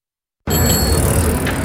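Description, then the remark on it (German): After a short silence, a steady mechanical bicycle noise starts abruptly and runs on at an even level, a dense whirring rattle like a freewheel or chain turning, with a faint high ring above it. “Alter Schwede, schon wieder ein Fahrrad von Gede.”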